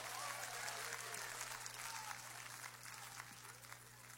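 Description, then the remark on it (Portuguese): A church audience claps steadily and loudly for Jesus for several seconds, a dense, continuous wash of applause over a faint low electrical hum, with no one speaking. “Vamos aplaudir Jesus com alegria. Vamos aplaudir Jesus bem bonito.”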